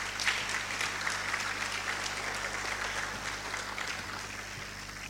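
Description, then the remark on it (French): Sustained applause from an audience as His Excellency is invited to take the floor for his presentation, a dense, steady patter of many hands clapping at an even loudness throughout, with a low steady hum underneath and no voices. “Sans plus tarder, nous allons, sous vos applaudissements, demander à Son Excellence de prendre parole pour sa présentation.”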